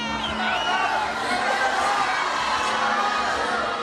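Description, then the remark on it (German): Fans scream and cheer at a red carpet on the Lido in Venice just before the opening ceremony, as George Clooney arrives: a dense, high-pitched wall of excited shrieks and shouting voices that stays loud and steady throughout. “Aber als George Clooney kommt, kreischen die Fans noch mal ein bisschen mehr.”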